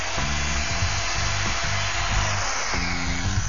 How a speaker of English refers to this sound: Now this is the arm, and I'm going to be drilling holes into this so the air can come out and dry the hockey equipment.